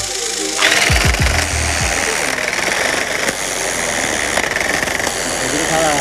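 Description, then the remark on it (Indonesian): A tufting gun whirs up to speed and then runs steadily, a loud mechanical buzzing and rattling as it punches yarn into the patterned canvas without pause during the looming stage. “Agar pengerjaannya cepat, proses looming menggunakan alat modern yang biasa disebut tapping gun atau mesin tembak menang.”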